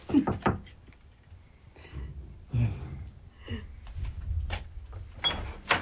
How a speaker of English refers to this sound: At Springdale, there was an appointment with the American composer Philip Bimstein. Knock. Knock.